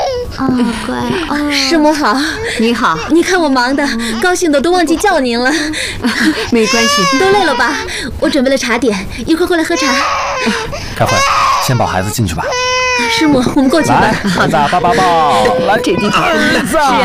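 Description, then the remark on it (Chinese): An infant, the family's younger child, cries loudly and continuously for the whole stretch during a family greeting, wailing in rising and falling bursts with short catches of breath, dominating the sound. “来来来， 怎么哭了呢？ 太小了，还认生呢。”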